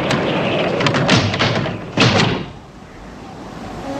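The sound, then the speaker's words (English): Doors bang and rattle in a gusting blizzard wind, several loud knocks over a steady windy rush, ending with a heavy thud as James Bond hurries to shut them and the wind noise drops. “Another set of doors flap in the wind. Bond hurries to close them.”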